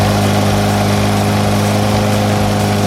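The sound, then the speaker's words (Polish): A lawn mower engine drones steadily outside an apartment block as city services workers mow the grass, a loud, continuous mechanical hum with a rough buzzing edge and no break in the sound. “Kosiarka. A, to jest kosiarka. Od godziny 6 rano pod blokiem koszą trawę.”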